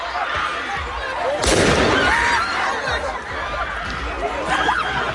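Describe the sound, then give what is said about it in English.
Fireworks pop and crackle in a sharp burst amid a noisy street protest crowd in a suburb of Paris, with a loud blast partway through and indistinct voices and shouting throughout. “Just hear what seems to be fireworks going off there.”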